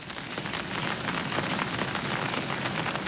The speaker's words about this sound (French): Maintenant, il pleut tout doucement. Ah, pluie douce, c'est comme ça que je t'aime. Quand tu tapotes, tu picotes mes joues et que tu me chatouilles dans le cou.